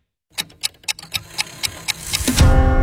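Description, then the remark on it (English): A clock ticks steadily and crisply, about nine even ticks, before a bright ringing chime swells in at the very end. “The clock strikes dinner, and suddenly it's all you can think about.”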